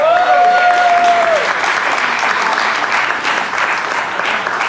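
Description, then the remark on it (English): A crowd applauds steadily for several seconds, a dense wash of clapping hands at fairly loud volume, with a brief whistle-like tone near the start. “And I just clap yourselves coming out tonight.”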